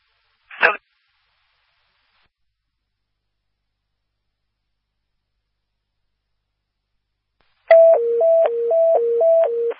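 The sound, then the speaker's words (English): Radio dispatch paging tones toning out an ambulance call in Jackson County: a loud, steady warble alternating rapidly between two pitches begins late and runs to the end, following a brief radio squelch burst and long silence. “You can do one set of tones with it.”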